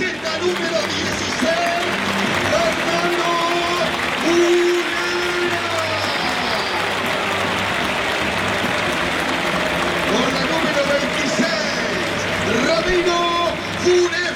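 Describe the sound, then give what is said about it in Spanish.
A stadium crowd of Estudiantes fans applauds during the club's night-time team presentation under the lights, in a dense, steady roar that fills the whole stretch, with sustained chant-like tones rising and falling over the clapping and no clear speech. “Bueno, no sé si habrá tantos aplausos, pero lo más importante era que en el primer contacto de Muslera con la gente de Estudiantes y cuando anunció su apellido la voz del estadio, ovacionó el público pincha al arquero”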